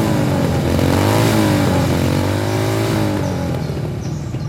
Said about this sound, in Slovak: Kde sa tu berú motorky? Hej, vy tam! Čo je to tu? Motocyklová rally?